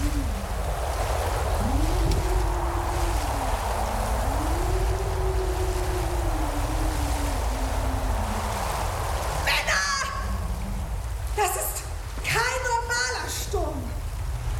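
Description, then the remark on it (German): Stormy sea and wind around a ship: a constant heavy roar of churning water and gusting air, with low howling tones sliding up and down and brief voice-like cries near the end. “Und wo steckt Jona denn? Pennt er hier bei einem Wetter?”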